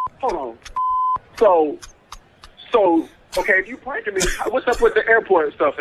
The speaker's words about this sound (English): So, okay, if you pranking me, what's up with the airport stuff in the back then? Y'all at the airport?